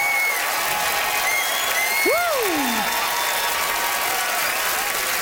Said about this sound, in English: It's PEI's Patrick Ledwell. Listen to that crowd for the hometown boy.